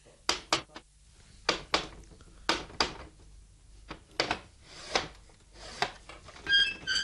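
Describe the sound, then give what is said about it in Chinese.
Knocking on a shut, latched door, distinct: short groups of two or three sharp raps repeated with pauses between, growing sparser toward the end, with no one speaking. “你既然有胆嚟到门口啦，啊，点解唔够胆敲门啫？”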